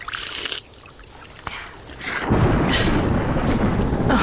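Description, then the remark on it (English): Heavy rain pours down steadily as thunder rumbles low, the storm swelling into a dense, loud roar after a brief quieter moment. “Oh, it would rain.”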